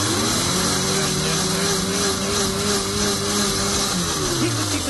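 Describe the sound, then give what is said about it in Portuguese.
A blender whirs steadily for the whole stretch, its motor holding a sustained, slightly wavering pitch as it churns milk, hydrated tapioca, grated coconut, sugar, emulsifier and condensed milk for about a minute, with a faint rise and shift near the end. “Tá bonitinho esse liquidificador, tá precisando de um novo.”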